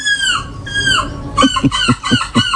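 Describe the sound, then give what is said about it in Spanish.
A person imitates seagull calls at a European seagull imitation contest: two drawn-out, squealing descending cries, then a rapid run of five short, sharp yelping calls, loud with no talking. “Hace tres semanas se produjo el concurso europeo de imitación de gaviotas.”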